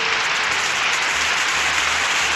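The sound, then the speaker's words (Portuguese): A crowd applauds steadily for a birthday, a dense, even wash of many hands clapping at once, holding a constant loud level throughout with no voices standing out. “Vamos aplaudir, gente.”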